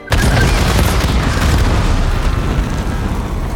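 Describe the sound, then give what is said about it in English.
A sudden loud explosion bursts in as small parachuted objects, dropped by an arrowhead-shaped aircraft over a mansion, land and explode violently into a crowd, followed by a sustained, rumbling roar of debris and low booming that stays heavy and dense for several seconds. “As soon as they land, they explode violently into the crowd.”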